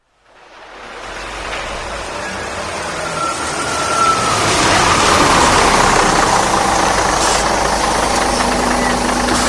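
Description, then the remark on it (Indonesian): The engine of a Transjakarta city bus on Corridor 8, route Lebak Bulus to Harmoni, runs steadily, fading in and then holding a loud, continuous rumble with a broad hiss, heard from inside the moving bus, with no one speaking. “Pelanggan yang terhormat, selamat datang di bis Transjakarta Koridor 8 dengan rute Lebak Bulus Harmoni.”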